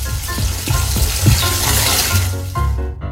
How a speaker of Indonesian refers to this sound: Abis mandi, tutup itu air kran. Sana air kran masih mengalir-mengalir terus.